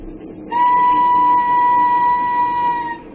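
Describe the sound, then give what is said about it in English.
A train boarded in London some 50 years ago rumbles steadily along the rails while a loud, sustained whistle sounds over it for nearly three seconds, fading out near the end. “Some 50 years ago in London, a young and handsome widow, Lucy Muir, left the home of the mother and sister of her departed husband and boarded a train.”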